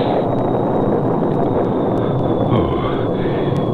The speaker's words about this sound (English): Beginning to rain. Nothing more.